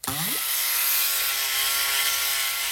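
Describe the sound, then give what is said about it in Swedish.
A motorized whir climbs swiftly in pitch, then settles into a loud, steady buzzing drone as Plåt-Niklas's propeller spins up to speed like a helicopter and holds there. “Nu ska vi bara sätta snurr på propellen också.”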